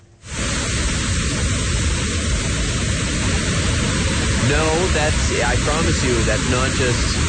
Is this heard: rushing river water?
yes